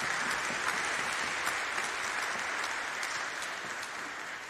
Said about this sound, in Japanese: ありがとうございます。今一度品川さんに拍手をお願いいたします。